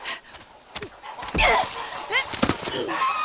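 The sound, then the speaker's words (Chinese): A domestic goose, a mother with a flock of goslings eating planted seedlings, honks several times in short, nasal bursts, fairly loud, mixed with scuffling and a thump of movement. “坏大鹅，你叫叫你叫，就是撒手，叫那些小鹅仔住嘴。”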